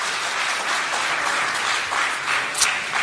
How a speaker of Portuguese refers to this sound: Tomai assento em nome de Jesus e pode aplaudir a Jesus com as palmas bem alegre, que glorifica e exalta o seu nome.